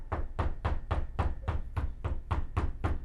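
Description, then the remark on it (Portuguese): A steady, rapid series of about eleven firm knocks on a door by the Federal Police (Polícia Federal), each with a deep wooden thud, repeating at an even pace for three seconds with no voices. “A Polícia Federal tá batendo na sua porta, Ciro.”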